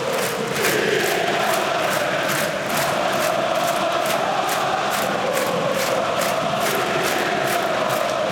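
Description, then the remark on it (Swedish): A huge stadium crowd of AIK home fans roars and chants in unison, with rhythmic clapping beating steadily throughout. It is loud and sustained as they celebrate their team leading a derby against Hammarby 3-2 at home with five minutes left. “Och lyssna på AIK-publiken nu.”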